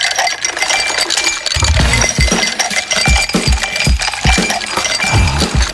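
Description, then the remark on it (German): A dense, steady clatter of ice cubes in a huge pool full of ice cubes, clinking and tumbling against one another, bright glassy taps overlapping with deeper knocks in an uneven rhythm, with no voices. “Stellt euch vor, Liegestuhl, Schatten, kaltes Getränk und direkt neben euch ein riesiger Pool voller Eiswürfel.”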